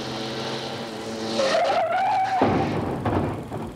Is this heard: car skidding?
yes